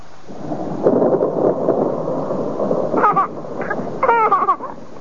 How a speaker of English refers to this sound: storm must have woken him.